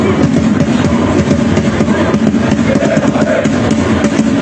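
A dense, loud crowd of Bosnians getting ready for a game holds a steady roar throughout, a wash of many voices chanting and cheering together with no single voice standing out.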